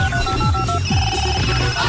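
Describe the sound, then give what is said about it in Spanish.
A telephone rings on an outgoing call placed to a listener to announce a prize winner, steady electronic tones repeating over a busy, loud background of music-like sound, with no one speaking. “vamos a llamar, les presento, muchachos, a Sandra Liliana Chacón”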